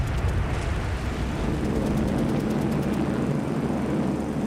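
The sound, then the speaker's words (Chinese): A loud, continuous droning roar of many aircraft engines fills the sky over Chengdu, China, on 8 November 1938, during the first Japanese bombing raid on the city. The sound is deep and rumbling with a steady, throbbing pulse, and no voices are present. “1938年11月8日，天空中突然传来大片飞机引擎的轰鸣声。”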